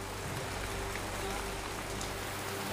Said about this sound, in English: The rain is relentless, and when the wind picks up speed, every minute counts.